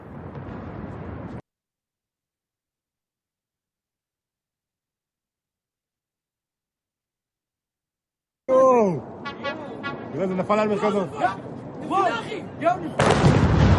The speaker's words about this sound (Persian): آها، اینم مربوط به شلیک این موشک هست.